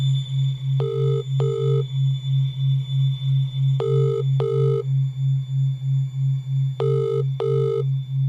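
A call from a mobile phone to a father rings out unanswered: paired ring tones repeat three times at steady intervals over a constant low hum, with no voice picking up.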